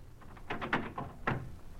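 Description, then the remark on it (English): A door being opened: a quick cluster of dull wooden thuds, then one more solid knock-like thump, quiet, with no voices. “Open this door.”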